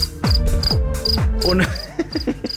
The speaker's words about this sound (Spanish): Pero mira, pues te vamos a mandar unos grillos.